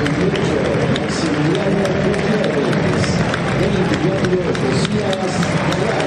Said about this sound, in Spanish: Aplausos para Villán. Más aplaudido Marcone. Montiel el más aplaudido ahora.